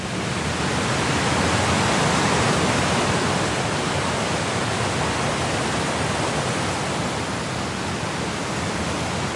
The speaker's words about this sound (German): Das kräftige Rauschen kündigt ihn an, den Wasserfall High Force, der zu den größten Englands zählt. 21 Meter fällt das Wasser hier senkrecht in die Tiefe.